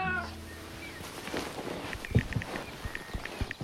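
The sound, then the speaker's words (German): A cat meows once at the start, loud, followed by soft thumps and shuffling movement with a few faint high squeaks. “die ist auf mein Bett gesprungen und hat geschnurrt wie eine Weltmeisterin.”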